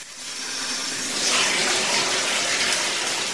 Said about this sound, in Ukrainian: Прослідкуй, коли набереться повна ванна води.